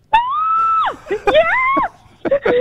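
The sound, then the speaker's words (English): Loud, high-pitched excited screaming from a hotel room on learning of a trip to Australia: a long sustained shriek, then a second rising squeal, then shorter yelps, with brief gaps between bursts. “We've had some noise complaints about the screaming coming from your room.”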